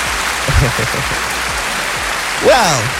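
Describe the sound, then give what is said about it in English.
Steady crackling applause at an even level, with a brief rising vocal whoop near the end cutting through the clapping, given on the Kids FM radio show Morning Sunrise for a young caller who answered a riddle correctly. “Another round of applause for you.”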